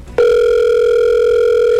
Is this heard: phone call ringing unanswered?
yes